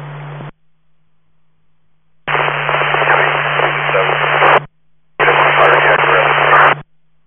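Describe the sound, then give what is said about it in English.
Bursts of harsh radio static from a fire engine's radio transmissions crackle loudly in three separate transmissions, with a steady low hum beneath each burst and short silences between them as the channel keys on and off. “you're all static. Can you repeat, please?”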